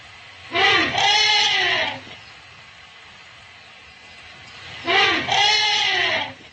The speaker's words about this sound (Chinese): 大象会发出许多种声音，其中人们最熟悉的一种应该是大声的吼叫声，但实际上吼叫也分为很多种。现在我要放给你们听的是大象迎接家族中的新生婴儿时发出的声音。